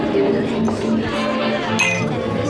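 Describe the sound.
Glasses clink together in a toast at a dancing venue, a short bright chime rising over the steady murmur of voices and music.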